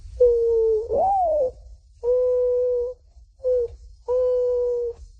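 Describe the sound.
A man imitates a mourning dove's call: a rising, swooping first coo followed by three steady, hollow hoots, the third one shorter, delivered clearly with short pauses between.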